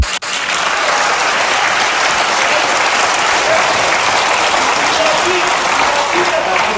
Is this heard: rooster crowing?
no